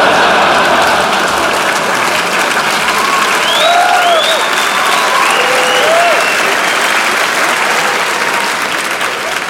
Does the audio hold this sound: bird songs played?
no